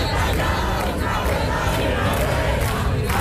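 A large crowd of protesters chanting and shouting together in the Puerta del Sol square in Madrid, surrounding the seat of the Comunidad de Madrid, a loud, dense, continuous roar of many voices that holds steady throughout without any single clear speaker.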